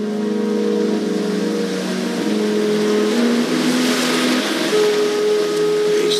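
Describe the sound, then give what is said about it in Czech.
A sea tractor's heavy engine runs steadily, a loud droning hum with a faint rush of water or wind behind it, its pitch shifting slightly as it moves along, carrying passengers across to an island hotel at high tide. “pokud je příliv, tak se tam jezdí takovým mořským traktorem, který jsme mohli vidět v televizní adaptaci tohoto románu Zlo pod sluncem s Davidem Sishayem.”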